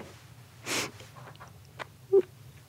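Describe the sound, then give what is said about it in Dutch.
A person imitates a mother's quick, breathy sniff given instead of a kiss: one short airy inhale, followed by a few faint mouth clicks and a brief soft vocal squeak. “Mijn mama gaf geen kusjes. Die gaf snufjes. Ja. Die snufte zo.”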